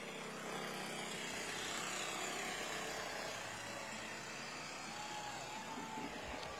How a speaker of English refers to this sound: And there's another very familiar scene vehicle that the Shriners use, those old classic cars like that.